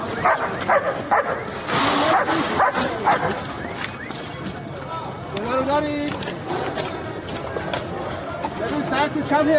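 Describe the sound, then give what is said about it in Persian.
An Iranian Red Crescent search and rescue dog barks and yips in repeated bursts during search and rescue operations, amid a busy, noisy scene, with voices and commotion underneath and fairly steady loudness throughout. “سگ زنده‌یاب جمعیت هلال احمر که در طی حملات نظامی آمریکا و اسرائیل به ایران بدون وقفه به عملیات جستجو و نجات پرداخت و نقش مهمی در پیدا کردن پیکرها و نجات افراد زنده از زیر آوار جنگ داشت.”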